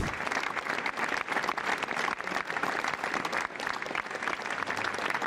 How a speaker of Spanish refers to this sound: En ese momento, ambos se abrazaron con una ovación de 4 minutos como respuesta del público.